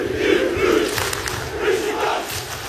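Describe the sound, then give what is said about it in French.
A big football stadium crowd at the Vélodrome chants in unison, a loud, continuous roar of massed voices rising and falling in rhythmic waves, with no single speaker standing out. “Quand ça siffle, quand ça met l'ambiance, non, c'est quelque chose. Il n'y a pas mieux en Europe, on va dire.”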